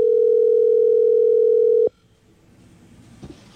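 A loud, steady tone of a WhatsApp call being placed hums at one low pitch for nearly two seconds, then cuts off with a click, leaving faint background noise and a couple of soft clicks.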